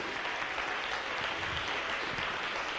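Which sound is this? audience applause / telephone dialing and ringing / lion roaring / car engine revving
audience applause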